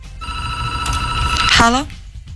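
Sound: telephone ringing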